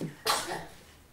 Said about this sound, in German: Gesundheit! Es geht ihm gut. Naja, bloß weil er einmal niest, ist er noch lange nicht sterbenskrank.